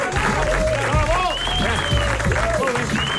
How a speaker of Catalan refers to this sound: El públic comença a aplaudir. Primer només una persona. Després dues persones. I després tothom aplaudint molt fort.